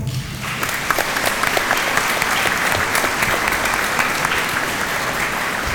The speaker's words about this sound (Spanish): Vamos a darles un aplauso.